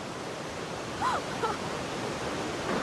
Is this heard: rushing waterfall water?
yes